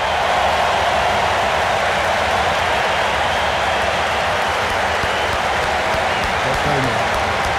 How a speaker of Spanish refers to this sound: Pero el que se va es John Killian. Aprecienlo, apláudanlo, le deja el cintillo de capitán a Tchouaméni. Escuché el aplauso a Killian.